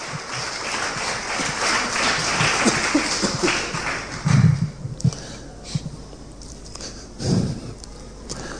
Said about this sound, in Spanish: Dale un fuerte aplauso al Rey de Reyes y Señor de Señores.